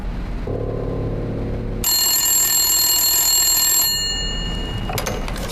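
A telephone bell rings in a single loud burst lasting about two seconds, preceded by a low droning tone, with a brief clatter near the end and no talking.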